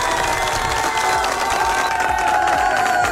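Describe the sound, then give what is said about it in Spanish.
A crowd applauds and cheers steadily for a radio show caller, with dense clapping mixed with excited shouts and whistles, loud and sustained throughout the moment. “Muy bien, un fuerte aplauso para él, por favor.”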